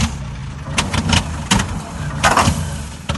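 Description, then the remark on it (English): A small engine sputters and coughs without catching, a low uneven rumble broken by several sharp bursts of noise as someone tries again and again to start a lawnmower. “I know, it just won't start. I've been at it all morning.”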